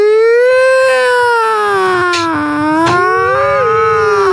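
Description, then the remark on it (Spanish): A person imitates an ambulance siren with a loud, sustained, sung voice, holding a steady wailing tone that dips and then rises again over about four seconds. “Tiene que cantarlo así. Pues, ¿sabes? Pero. Hágale. Cántelo. Claro, tocar para ir a ambulancia.”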